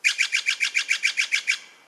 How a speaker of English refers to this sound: Did you answer Blue Jay? Nope. This is the Steller's Jay. If you're west of the Rocky Mountains, you're most likely to hear the Steller's Jay. East of the Rockies, you'll hear the Blue Jay.